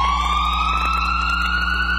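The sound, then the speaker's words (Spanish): An ambulance siren sounds loud, a steady wailing tone slowly rising in pitch, with no one talking over it. “La sirena de una ambulancia.”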